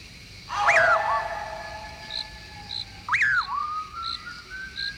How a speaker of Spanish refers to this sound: Un raro silbido penetrador y espeluznante comienza a dejarse oír tras los pasos de Juan Hilario. Aquel extraño silbido se repite una y otra vez en persecución del parrandero